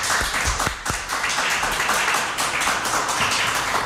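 Sustained joint applause from an audience for three guests at once, a dense steady wash of many hands clapping for about four seconds, loud and even with no voices over it.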